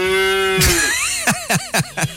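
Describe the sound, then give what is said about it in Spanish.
A cow gives a long, drawn-out moo, then a sharp burst of sound and four quick, evenly spaced calls. It is loud, with no talking. “No, tengo una vaca.”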